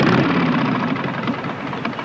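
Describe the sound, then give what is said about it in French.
A motorcycle engine idles with a steady, throbbing rumble and a gritty mechanical texture at a farm in a scene from Dennis Hopper's 1969 film Easy Rider, the noise frightening a horse. It holds at an even, fairly loud level throughout with no voices. “Arrête un peu ton truc, le bruit fait peur à mon cheval.”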